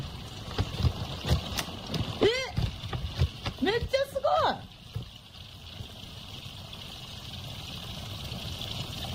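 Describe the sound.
Water is poured into the crinkly plastic outer bag of a heating pack that needs no hot water, starting its reaction, with a few rustling knocks while voices briefly exclaim; then a steady, soft hiss of liquid continues alone as the pack foams with bubbles.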